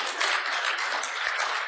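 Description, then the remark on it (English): A crowd claps steadily, many hands blending into a dense, continuous patter of applause at moderate volume, with no voices breaking through, during a sermon. “Yeah, clap on that.”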